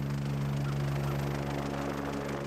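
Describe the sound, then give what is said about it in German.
A steady, droning helicopter engine hums continuously with strong low tonal bands and a broad whooshing wash above, holding level throughout without pauses or talk. “Er hat ein bisschen Angst vor dem Hubschrauber natürlich, das Geräusch.”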